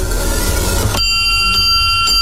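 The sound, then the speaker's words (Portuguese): After a second of low rumbling noise, a church bell rings out loudly, struck about three times in quick, steady succession to signal that catechism is starting, its bright tones sustaining between strikes. “Bateu o sino, vai começar a catequia.”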